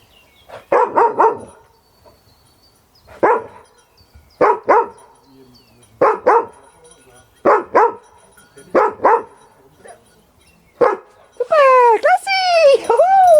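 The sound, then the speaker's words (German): A dog, sent out on a search command, sniffs and then barks in short bursts, single and paired barks spaced out over several seconds, ending in a rising, whining yelp. “Jetzt schnuppert er. Er fängt an zu bellen.”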